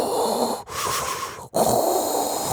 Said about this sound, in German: Klingt wie Darth Vader, ist aber vielleicht der letzte Röchler Ihres Dampfbügeleisens.